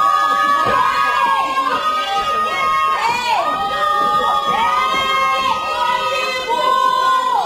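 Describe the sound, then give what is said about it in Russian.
Several voices of a family, adults and children together, shout loudly at once in long, strained, overlapping cries for help from behind a fence in a snowstorm, sustained without a break throughout. “Что вы орете? Кто вас услышит через этот забор?”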